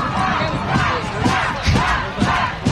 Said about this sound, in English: And a fan catches the ricochet. Like 20 friends cheering for him right now. I've never seen anything like that.